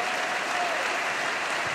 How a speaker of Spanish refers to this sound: Dale sobre tu cabeza aplausos.